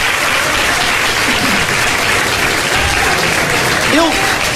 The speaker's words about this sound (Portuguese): Eu quero ouvir a maior salva de palmas desse culto, vai ser agora. Deixa eu ver. É para Jesus, é para Jesus, é para Jesus.